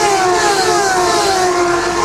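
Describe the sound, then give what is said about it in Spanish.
Loud, high-pitched racing car engines roar close by as the cars pass in front of the broadcasters' mobile studio booth during a race, their whining drone sliding slightly lower in pitch as they pass, with no one talking. “Pasarán frente a la cabina de campeones. Escuchen, aquí está desde el estudio móvil de campeones el sonido, la cercanía de los autos.”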